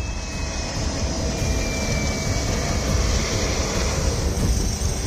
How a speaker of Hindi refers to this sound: नेपाल में आपदाग्रस्त इलाकों की हालत कैसी है इसको ऐसे समझिए कि नुआकोट एयरबेस पर एक हेलीकॉप्टर ठीक से लैंड भी नहीं कर पाता कि दूसरा टेक ऑफ कर जाता है।